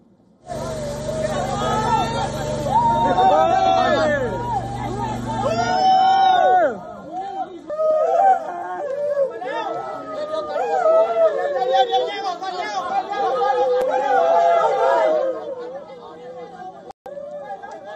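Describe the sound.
A crowd of many voices calls out and chatters excitedly, loud and overlapping throughout, with a steady engine-like rumble underneath for the first few seconds; crowds at a rescue site cheer as rescued men are brought out at around 3 p.m. local time.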